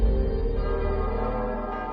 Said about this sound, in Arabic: صباح نهار كل أحد تقرع أجراس الكنائس، فتجد نسيجاً من الأدعية بألسنة متعددة، ولكن في وحدة حال.